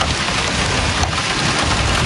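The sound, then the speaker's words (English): Heavy, torrential rain roars steadily and loudly on a residential street in Woodbridge during a strong thunderstorm, with a deep rumbling wind underneath that buffets continuously, horizontal gusts in excess of 100 kilometers an hour. “you hear the torrential rain, the horizontal winds that are gusting in excess of 100 kilometers an hour.”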